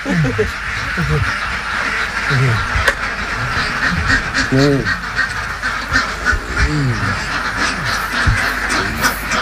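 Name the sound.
ducks quacking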